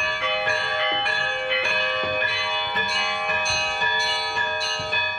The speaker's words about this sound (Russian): Сейчас мы слышим, как на колокольне пробует свои силы маленький мальчик.